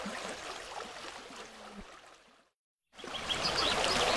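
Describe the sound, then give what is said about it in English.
A steady trickle of stream water babbling over rocks, broken by a short moment of silence before the flowing water returns slightly brighter and louder. “Trickling, dripping, babbling, bubbling, splishing, splashing, whispering, roaring, meandering, rushing, wishing, flushing.”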